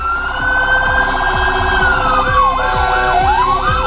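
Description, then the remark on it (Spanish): Loud fire engine sirens blare as several fire engines pass on their way to a fire at the Mosque-Cathedral of Córdoba, Spain, at about 21:15: a long steady wail sliding into a fast rising-and-falling yelp, over a deep rumbling engine with repeated low thumps. No one speaks. “Ya cuando vimos pasar todos los coches de bomberos aproximándose a lo que es el incendio, ya nos preocupamos mucho por la proximidad,”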